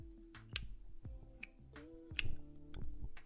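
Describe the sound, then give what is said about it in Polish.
The metal lid of a lighter that can stand on a table and burn like a candle clicks open and snaps shut several times, sharp bright clicks at uneven intervals, two of them louder than the rest, over a quiet low hum. “No, przyjemny dźwięk, nie? Klikanie.”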